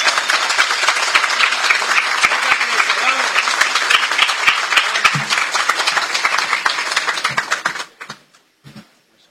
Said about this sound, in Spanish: Así es que le agradecemos profundamente todo lo que hacen y pedimos un fuerte aplauso para ella.